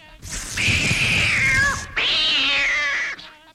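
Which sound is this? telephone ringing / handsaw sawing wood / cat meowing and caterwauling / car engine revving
cat meowing and caterwauling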